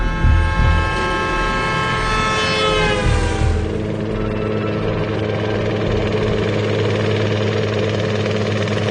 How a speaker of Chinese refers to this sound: 直升机降落在滨海市某中学校园的操场上。此时还没下课的学生们都好奇地凑在窗户边看着特警队员们跳下直升机。